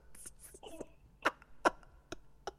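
A short series of sneezes, three or four sharp explosive bursts spaced about half a second apart, with soft breathy hissing just before them.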